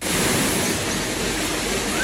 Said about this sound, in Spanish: De hecho, hasta hemos visto llover, Mar. Así hemos comenzado la mañana, Susana, con este sonido, con el de la esperada lluvia.